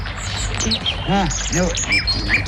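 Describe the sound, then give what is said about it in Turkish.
A nightingale sings a short, varied phrase of bright whistles, rising chirps and a few lower rolling notes, clear over a steady outdoor background hiss. “Bülbül sesi bu”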